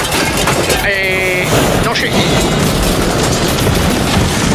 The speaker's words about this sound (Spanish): Yo he escuchado un disparo. Era un francotirador de láser.